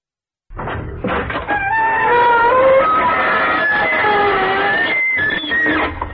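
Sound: creaking door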